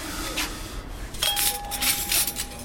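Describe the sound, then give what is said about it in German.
Dishes and cutlery clink as a staff member sets the tables in the dining room of the restaurant Norms, with gold-rimmed dishes and mismatched cutlery. There are a few sharp, ringing knocks and a sustained metallic tone, plus soft rubbing and shuffling between the clinks. No one speaks. “Im Gastraum deckt einer der Mitarbeiter gerade die Tische ein.”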